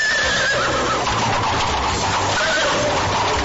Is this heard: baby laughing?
no